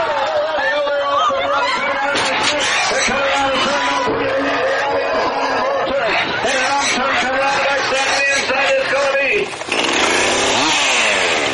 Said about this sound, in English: I look at the chainsaw carving mainly as a sketching tool more than anything.